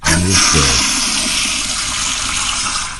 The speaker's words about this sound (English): What do you say I fire up the power flusher here? This is an actual one of the power flushers from my home.